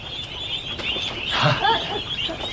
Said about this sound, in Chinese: 鸭子怎么了？